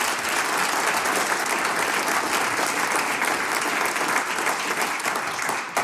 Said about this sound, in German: Gratulation und großen Applaus für dieses ehrenamtliche Engagement.